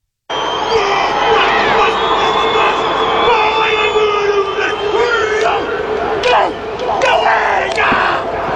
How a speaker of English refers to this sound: Martin Nonu has responded to the AB's haka with one of his own. This is over in South Africa. Have a listen.